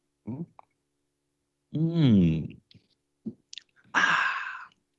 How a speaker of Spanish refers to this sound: Bueno, gente, vamos entonces a leer la lectura que corresponde al día de hoy, pero antes, un sorbito de café.